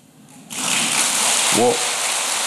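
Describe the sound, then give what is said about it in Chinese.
An audience breaks into applause after a quiet half second, a dense, steady wash of many hands clapping at once, loud throughout, with a brief voice rising over it midway. “你不要拍手”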